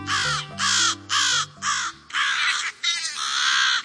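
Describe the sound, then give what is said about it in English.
American crows defending their nest and young caw loudly, about six harsh, raspy calls in a rapid, insistent series, the later ones longer and overlapping, with faint low music fading out beneath the first few. “You're hearing American crows defending their nest, protecting their young.”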